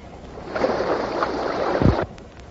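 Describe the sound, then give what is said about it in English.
Rushing, roaring water comes through a thin, tinny radio channel for about a second and a half, with a dull low thump near the end before the signal cuts out abruptly. “I know I heard rushing water.”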